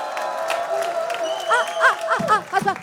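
An audience applauds in a steady wash of clapping, and toward the end rising voices cheer and whoop over it.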